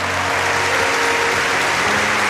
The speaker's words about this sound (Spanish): Vamos, dale un aplauso fuerte a Jesús. Fuerte ese aplauso a Jesús.